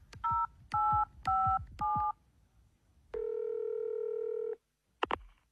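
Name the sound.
telephone dialing tones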